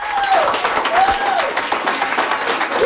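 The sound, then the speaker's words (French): Loud, dense applause from a large crowd greets the triumphant entrance of a newly elected Progressive Conservative candidate at a restaurant and bar in Chéticamp, continuous, with a few whistles rising above the clapping. “Un tonnerre d'applaudissements que Claude Bourgeois a fait son entrée triomphante au Harbour Restaurant and Bar à Chéticamp”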